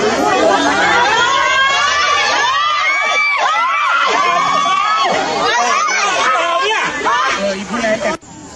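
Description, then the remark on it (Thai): A crowd of tourists at a roadside spot cries out in alarm as a car speeds past an adult elephant and its calf, many high-pitched shrieks and excited shouts overlapping loudly and continuously, with some chatter mixed in before it cuts off abruptly. “นี่ค่ะกรี๊ดกันใหญ่เลยเจ้าจุดนี้เป็นจุดที่นักท่องเที่ยวเยอะมากๆด้วย”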